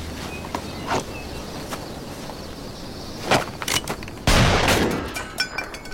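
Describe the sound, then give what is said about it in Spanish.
A sharp gunshot cracks out loud, preceded by a few quicker snapping pops and followed by a brief echoing tail against a steady outdoor background hum. “Buen disparo.”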